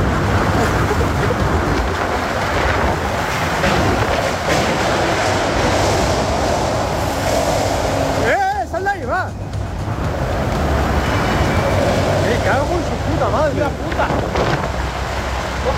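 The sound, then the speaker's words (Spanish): Strong storm wind roars loudly and steadily in dense, rushing gusts of almost 150 km/h, from storms crossing part of the Valencian Community, with a voice briefly exclaiming partway through before the howling blast continues. “Es el sonido de las tormentas que ayer atravesaron parte de la Comunidad Valenciana con rachas de viento de casi 150 kilómetros por hora que dejan un rosario de incidentes y daños materiales.”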